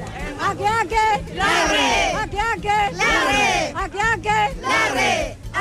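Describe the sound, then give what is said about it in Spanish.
An audience at an event opening the fiestas patrias festivities with a band shouts together in a loud, rhythmic group chant, many voices rising and falling in unison in repeated bursts that fill the whole clip. “Oye, pero parece como grito del club de Puerto Rico.”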